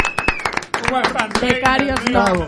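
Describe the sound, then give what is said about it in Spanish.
A burst of clapping for an intern, sharp irregular claps rattling throughout, with voices talking and calling out over the applause for its whole short length. “Forte aplauso, por favor.”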